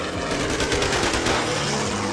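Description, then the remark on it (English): Rapid bursts of machine gun fire from a low-flying B-25 plane shooting at two life rafts lashed together. The sharp repeated cracks rattle continuously and blur together over a steady low roar, loud and dense throughout, with no voices. “We heard machine gun firing, and two of us in one raft and the pilot in the second raft lashed together, and the bullets went, you know, between our legs and our armpits, and the one bullet hit the pump on the second raft”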